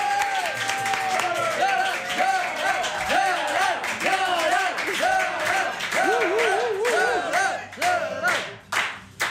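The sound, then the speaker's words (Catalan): A studio audience bursts into loud, sustained applause welcoming a guest, lasting several seconds, with whoops and cheering voices rising over the dense clapping before it begins to taper off. “Rebem amb un fort aplaudiment a ….”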